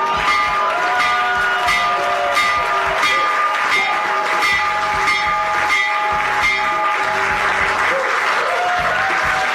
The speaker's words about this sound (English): That was this morning in the Oval Office, President Donald Trump ringing the bell for the New York Stock Exchange and the NASDAQ to open up trading as part of his event to bring attention to the excellent idea called Trump Accounts.